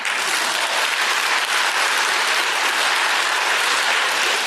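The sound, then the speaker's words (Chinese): Sustained audience applause, a dense, steady wash of many hands clapping at an even loudness throughout, with no one speaking over it. “其实您拍手不光是鼓励我，对您也有好处。”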